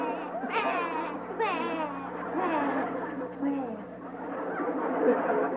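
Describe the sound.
A boy, El Chavo del 8, cries and sobs because he could not sell a lottery ticket, with rising, wavering wails and broken, gulping sobs running continuously for several seconds, sounding like a voice acting out the crying.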